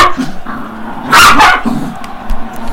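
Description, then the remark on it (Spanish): A small female dog named Chelsea lets out a sharp, high-pitched bark burst, a brief flurry of yaps in the middle, with a low background murmur and a few quieter yips around it. “La perrita se llama Chelsea, sí.”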